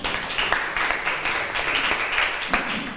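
A group of students in a classroom applauds a classmate who answered the teacher's question, a dense, steady patter of many hands clapping at once with a few sharper individual claps standing out, sustained for a few seconds.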